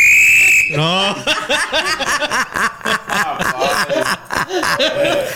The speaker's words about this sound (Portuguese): Testa aí o apito aí